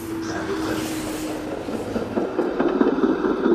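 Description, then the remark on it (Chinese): A train crosses a railway bridge over the Han River outside the city wall of Xiangyang, China, rolling steadily past with a continuous rumble and a faint hum, then rhythmic wheel clatter grows louder and busier toward the end; no one speaks. “城墙外连通中国南北方的交织铁路穿江而过”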